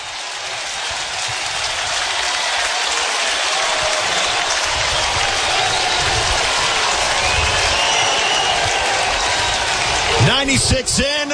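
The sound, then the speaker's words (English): A capacity stadium crowd at a Huskers baseball game roars and cheers loudly and steadily for several seconds after Jet Buck's solo home run, a dense wash of voices and applause, before a man's voice begins talking over the fading noise near the end. “And that will pump some life into this capacity crowd.”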